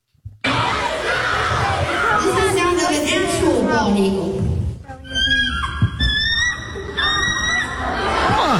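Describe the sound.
A crowd screams and cheers wildly in a dense, continuous roar, with high shrieking voices rising and sliding over the din throughout.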